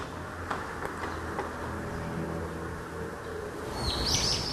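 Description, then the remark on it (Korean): High, thin bird chirps break out in a quick twittering burst near the end, over a steady hiss of outdoor background noise, with a few faint clicks earlier on and no one talking. “와, 저 새소리에도 저렇게 예민한 거예요?”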